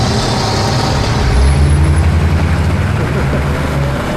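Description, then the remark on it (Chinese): A heavy vehicle engine rumbles and revs up as people are urged to get in and drive off quickly. It is a low steady drone that swells and holds as it pulls away, with a faint hiss of brakes releasing and some muffled voices underneath. “快快开车，开车，开车！”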